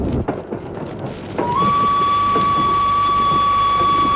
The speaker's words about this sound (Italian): A pensarci bene basta un fischio di una locomotiva, un rumore delle ruote sui binari o l'annuncio di una stazione per evocare ricordi, partenze, attese